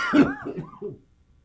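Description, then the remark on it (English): A person gives one sharp cough while eating coconut, then a couple of rough, voiced throat-clearing sounds, all within about a second, followed by quiet. “Now you're having a coughing fit.”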